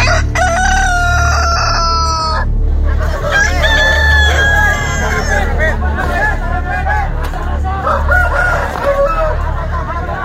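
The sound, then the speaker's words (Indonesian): Roosters crow loudly and repeatedly, their long harmonic calls overlapping, while birds cluck amid a dense murmur of crowd chatter and commotion throughout, as two fighting roosters are released into a cockfight arena. “Ayam jago kedua belah pihak segera dilepaskan ke arena.”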